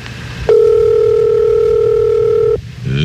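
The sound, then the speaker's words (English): A telephone dial tone hums steadily and loudly for about two seconds, one unbroken pitch, then cuts off abruptly, leaving a short, quieter sound at the very end. “But now she's waddling her way to the phone.”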